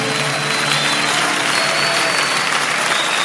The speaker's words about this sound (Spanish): ese aplauso al Señor.